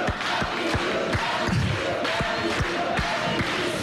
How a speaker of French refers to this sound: Alors on peut l'applaudir quand même